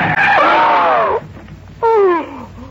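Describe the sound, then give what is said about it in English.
A car brakes hard on a sandy desert track toward an oil rig with a loud, shrill tire screech that falls in pitch, cuts out briefly, then squeals again in a second shorter skid. No one speaks. “Then just as we cut in between some yucca plants and a windblown Joshua tree, I slammed on the brakes.”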